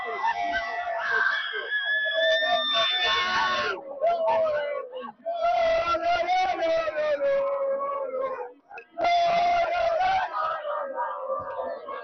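A large crowd of Spanish football fans in a community square in Madrid, celebrating Spain winning the World Cup final, roars and chants loudly and continuously, with whistles and shouts rising in waves, briefly dipping twice before surging back at full volume.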